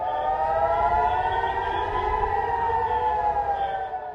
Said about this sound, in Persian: در سوی دیگر چندین شهر اسرائیل در طول روز دوشنبه هدف دست کم 2 موج موشکی ایران قرار گرفت، حملاتی که آژیر خطر را در بیت المقدس، حیفا و چند شهر دیگر اسرائیل به صدا در آورد.